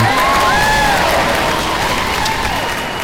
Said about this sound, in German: Heute, 12. Mai, ist internationaler Tag der Pflegenden. Und da ist an dieser Stelle jetzt zuerst mal ein Applaus fällig.